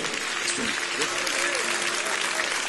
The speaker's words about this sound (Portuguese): Vamos receber o aplauso para Cristo.